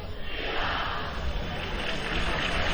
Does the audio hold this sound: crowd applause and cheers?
yes